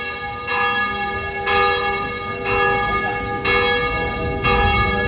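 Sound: church bells ringing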